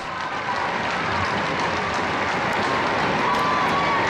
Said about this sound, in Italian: sentite il saluto dei pellegrini presenti in Piazza San Pietro